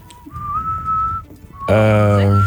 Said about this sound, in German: Da pfeifen die.